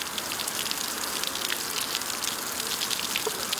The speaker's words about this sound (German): Zement und grober Kies werden zusammengerührt. Was entsteht, sieht erstmal aus wie ein grauer Puffreis. Und wenn Wasser auf die Oberfläche trifft, fließt ein guter Teil direkt unten wieder raus.